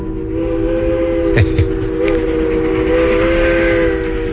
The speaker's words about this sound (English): But it was a train whistle much the same as that that caused some worrisome years for my mama and started a lifelong love affair with trains.